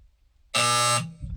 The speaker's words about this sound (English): Buzzer took you a long time to get that. Well, I had to reach for it.